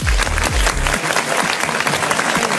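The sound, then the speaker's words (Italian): An audience breaks into loud, dense applause for Massimiliano De Pasquale at the last Club Connection party time, many hands clapping steadily throughout, with a deep low rumble underneath during the first second before the clapping carries on alone. “Facciamo un applauso a Massimiliano De Pasquale,”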